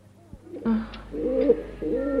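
Soft, low cooing from doves or pigeons in the woods, two warbling calls in quick succession over a faint steady hum, alone with no talking.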